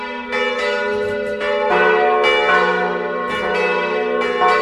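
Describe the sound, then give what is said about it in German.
Four bells of the Catholic parish church St. Peter und Paul in Vordertal, Wäggital, canton Schwyz, Switzerland, ring together from the church tower in a full, overlapping peal, strikes landing in a steady irregular rhythm with long humming resonance, loud, no voices. “Es läuten vier Glocken der katholischen Kirche.”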